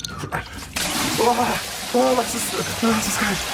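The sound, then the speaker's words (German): A steady hiss of cold shower water spraying and splashing starts after a brief pause and runs throughout, with a few short voiced sounds rising over the rushing water. “Okay, du brauchst auf jeden Fall eine kalte Dusche mit Wasser.”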